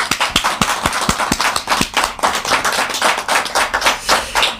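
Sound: audience applause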